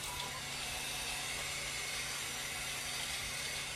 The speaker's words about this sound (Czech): Teď se nás pustilo automatické dopouštění vody. Vevnitř se nachází nádrž na 200 litrů a k tomu je připojeno a automaticky to spolu komunikuje, tak je vozík, na kterém je 1000-litrová nádrž na vodu. Teď právě můžeme slyšet, že se dopouští.